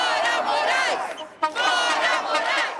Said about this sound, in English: At the rally, they chant, "Get out, Moraes." Signs and stickers are everywhere in the crowd calling for his impeachment.